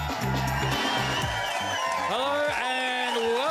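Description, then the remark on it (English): The crowd of the TGIF show on ABC Radio cheers loudly and applauds on a Friday evening, with whoops and shouts rising over a dense wash of clapping, while a rhythmic low beat pulses underneath. “And if you're wondering why the TGIF crowd sounds so loud this evening, it is because...”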